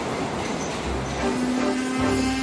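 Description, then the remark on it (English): A New York subway train rumbles steadily along the rails, loud, with a sustained metallic whine rising over the low mechanical roar and no one speaking. “And finally, one of the most famous in the world to this day, the New York Subway.”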